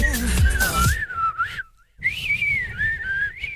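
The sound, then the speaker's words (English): A person in a studio whistles a bright, catchy melody with sliding pitches, pausing briefly before continuing the tune. The whistling is clear over faint low background sound, with no talking. “Oh, was that the whistler in the studio? The session whistler?”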